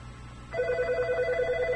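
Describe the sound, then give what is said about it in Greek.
A telephone ring starts about halfway through and continues steadily to the end, a sustained electronic tone with a slight warble, fairly loud against a low background hum, with no talking. “Έχουμε τηλέφωνα, λέγεται, παρακαλώ, σας ακούμε.”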